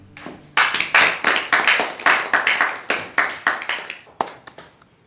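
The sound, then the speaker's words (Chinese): A group at a meeting claps in a steady, fairly loud rhythm as the acting county head is invited to speak, a dozen or so sharp beats in quick succession, then the applause thins out to a few scattered claps before fading. No one speaks. “今天这个场合和气氛，就不要搞鼓掌祝贺这一套了。”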